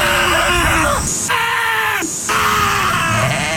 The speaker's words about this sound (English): Those are actual sheep screaming. They're all over the internet. You can find it. But those are sheep screaming.